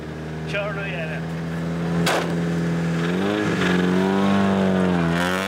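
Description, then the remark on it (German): An old, rattly car with a dented body drives a lap, its engine a steady buzzing drone that dips and climbs in pitch, with a sharp clank partway through. “Sie sagt, er knattert. Aber das ist sicher nur die Antriebswelle.”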